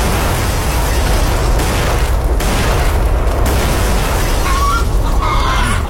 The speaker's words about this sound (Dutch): Ik laat even de knal horen.